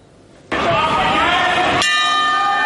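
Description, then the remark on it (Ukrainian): A boxing ring bell clangs loudly over a burst of dense, noisy crowd sound at a combat sports tournament on Tenerife, Spain, then its bright metallic tone rings on steadily by itself until the end. “Коли чуєш цей дзвін, одразу стає зрозуміло – є ринг, є бійці.”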